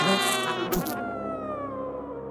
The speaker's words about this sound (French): Mais, oh, mais qu'est-ce qu'il y a, moustique ? Hein ? Oui ?